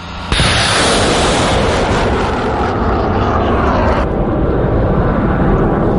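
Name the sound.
HIMARS rocket launch roar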